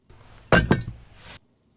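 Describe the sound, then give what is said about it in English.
A glass of water is set down on a hard surface with a bright clink and a second quick knock, followed by a soft scraping rustle, fairly clear against quiet room tone. “Have some water.”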